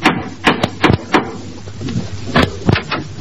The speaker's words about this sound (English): Well, now Gracie has rushed over to Herbert Marshall's house to inform him of his romantic future. She knocks at the door.